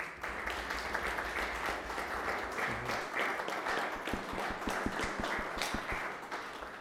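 Sustained applause from an audience after a recited prayer-poem to the Virgin Mary, dense and steady with a crowd of hands clapping together, some individual claps standing out near the end.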